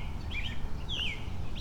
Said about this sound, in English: Chickens are looking at me. Well, other birds are making a lot of noise as well.